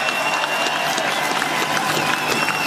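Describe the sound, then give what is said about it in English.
A large outdoor crowd of race fans at a mountain racetrack claps and cheers steadily for themselves, a dense wash of applause with scattered whoops rising over it, loud and sustained throughout the short burst. “This sport wouldn't be without you guys, so give yourself a round of applause.”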